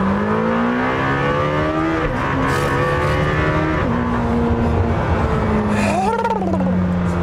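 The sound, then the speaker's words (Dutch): A sports car engine built to rev to 10,000 rpm climbs loudly to high revs, its pitch rising and dropping with several quick gear shifts, then a final sharp rev burst near the end. No one speaks. “Geen 9, waarbij ze bij Porsche zeggen, oh, ons blok kan 9.000 toeren. Nee, 10.000 toeren. Achterlijk veel.”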